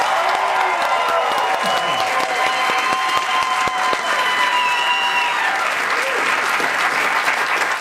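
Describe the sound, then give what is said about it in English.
A large stadium crowd applauds steadily tonight for the team's lay girl, a dense, loud wash of clapping with scattered whistles and shouts rising above it. “One more round of applause for our lay girl”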